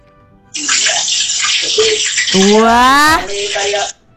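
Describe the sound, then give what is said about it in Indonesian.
Fish frying in hot oil: a steady, loud crackling sizzle that starts abruptly, holds for about three seconds with a brief rising, whistle-like squeal in the middle, then cuts off. “Bunyinya sepertinya ini goreng apa ya? Iwak koyo iki. Iya goreng iwak.”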